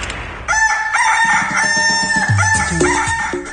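The radio's rooster crows loudly in one long, strained cock-a-doodle-doo that starts after a brief pause and wavers in pitch before trailing off. No one speaks.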